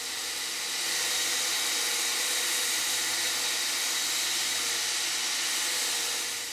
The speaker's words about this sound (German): Mit dem Bandschleifer wird der Griff rund gemacht, sodass er später gut in der Hand liegt.